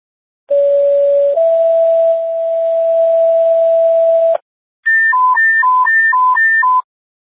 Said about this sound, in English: Medic 4, how do you copy emergency tone? Loud and clear, ma'am.